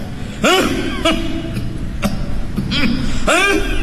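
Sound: coughing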